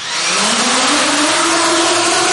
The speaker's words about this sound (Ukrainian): Дуже добре запам'ятайте цей звук, звук FPV-дронів, який ви чули. Отакий дрон, він швидше за все буде полювати за людиною.